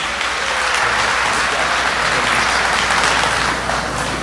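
Sustained applause from a sizable audience, a dense, steady wash of clapping that holds at an even loudness for several seconds with no voices on top.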